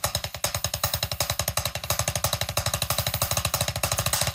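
A paradiddle rudiment played on drums, a foundational technique combining single and double strokes: a rapid, unbroken stream of sharp, even strokes with a deep thump, slightly picking up in loudness and speed, with no voices.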